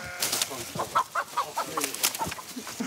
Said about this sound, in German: Aber jetzt ist ein Huhn entkommen. Ist es weg? Das Huhn macht sich auf direktem Weg zur Hühnerwiese.